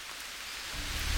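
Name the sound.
heavy rain pouring down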